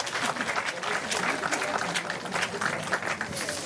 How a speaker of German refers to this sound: Ein Applaus für die Kollegen, komm mal.